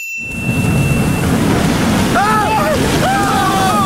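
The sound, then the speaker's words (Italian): A loud, steady roar of storm-driven waves on a lake and gusting wind fills the scene, with rising, wavering shouts or cries breaking through partway in. “Che cazzo di onde ci sono? Ah, non ho mai visto una cosa simile!”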